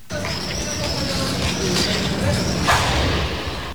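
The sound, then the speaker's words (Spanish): A burning garbage container on Benito Corval street in Pontevedra bursts with a single sharp explosive bang near the end, cutting through a steady roar of fire and street noise outdoors. “Pois sí, era unha explosión.”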